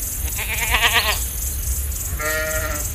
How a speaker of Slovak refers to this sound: Kozy, kozy, kozenky, pohľadajte si niečo pod zúbky.